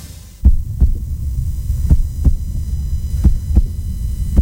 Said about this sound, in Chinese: 这是一位护士被大声吼叫，威胁，甚至被抓住之后的心跳声，对员工的攻击和暴力会造成伤害，不可越界。